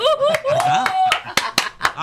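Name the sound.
applause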